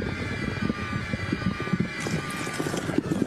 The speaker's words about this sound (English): That was, well, you know, our favorite is the oh, wop. Wop. It's labeled in the machine as fart wop.